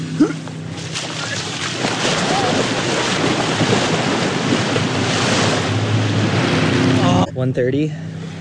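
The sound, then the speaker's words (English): Lapping water and small waves at a lakeshore beach at Bayside Park around 1:30 at midday in peak heat, with steady wind rumbling across the microphone for several seconds before it briefly cuts out near the end. “the brave little state team takes an excursion to the lake”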